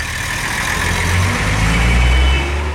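A large orange truck for hauling goods rumbles steadily and loudly, a deep continuous idle with a slight swell toward the end and no voices.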